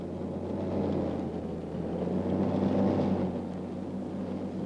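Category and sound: vehicle, car arriving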